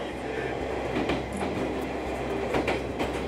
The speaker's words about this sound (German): Der Triebwagen stammt aus den 70er Jahren. Aus dem regulären Verkehr verschwindet die Baureihe langsam. Aber hier hat sie noch einmal ihren großen Auftritt als Sonderzug.